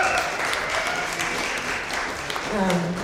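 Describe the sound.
An audience at a live event claps steadily throughout, a dense and continuous wash of many hands, applauding a man who helped make a record. Near the end a voice cuts in over the fading clapping.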